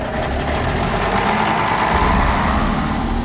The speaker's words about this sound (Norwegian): Ja, på grunn av signalfeil startet ikke denne reportasjen med lyden av tog. Det ble buss for toglyd.